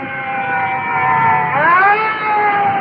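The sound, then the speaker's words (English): Sirens of additional fire trucks pulling up at a fire call wail loudly, coming in directly behind, the steady tone sweeping upward in pitch partway through, with a low engine rumble underneath and no talking. “And looking over my shoulder, additional fire trucks are pulling up and are coming in directly behind us. Well, I can hear their sirens, so we'll just stand by.”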